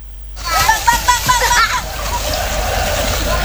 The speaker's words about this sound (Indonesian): Anak-anak ini menaiki perahu karet saat menyusuri sungai Code yang membelah kota Yogyakarta. Mereka mengikuti kelas sungai yang digelar komunitas Jogja Adventure Kids. Anak-anak peserta kelas sungai usianya antara 7 hingga 12 tahun.